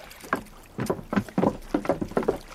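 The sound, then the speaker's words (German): Rhythmic splashing of a sailor swimming through water toward a ship, a steady series of stroke sounds about every half second, moderately loud, with no voices. “Da kommt einer von den Matrosen angeschwommen.”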